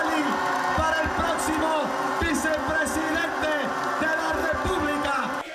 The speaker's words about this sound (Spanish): ¡Aplauso que se oiga!